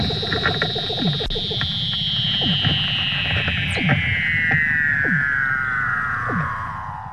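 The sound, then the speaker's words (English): A Weddell seal mother and pup call to each other while the mother teaches the pup to swim: a long, eerie descending whistle glides steadily downward, overlaid by repeated short chirps and sweeping trills, all fairly loud with no talking. “And you can hear the mother and her pup calling to each other.”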